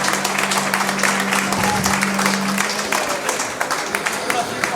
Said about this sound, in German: Applaus real.